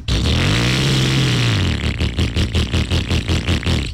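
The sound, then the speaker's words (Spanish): A motorcycle engine revs hard, its pitch rising and falling, then settles into rapid pulsing throttle blips, loud with no voices. “Acelera tu nueva AKT Motos.”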